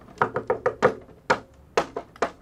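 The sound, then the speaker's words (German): Someone drums on an empty container, striking it about nine times in an uneven rhythm. Each hit is a sharp, hollow thump with a short resonant ring, and no one speaks. “Wie die tut, wenn man da draufhaut, wie eine Trommel.”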